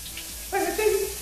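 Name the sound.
shower water running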